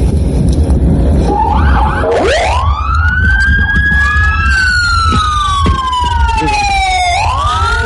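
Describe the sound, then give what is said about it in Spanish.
Several emergency vehicle sirens wail together at the send-off of a holiday road-safety convoy with the Guardia Nacional, Ejército, Coparmex and Cruz Roja, their overlapping tones sweeping up and then sliding slowly down, loud over a constant rumble of engines and traffic noise. “Y vamos a escuchar cómo sonaba este banderazo de salida y las sirenas.”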